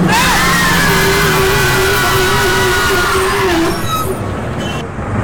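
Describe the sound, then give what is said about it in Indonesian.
A car brakes hard to avoid a truck stopped on the road shoulder ahead, its tires letting out a long, loud squeal over rumbling road noise for several seconds before the screech dips and fades as the vehicle slows. “awas depan, Pak. Rem, Pak.”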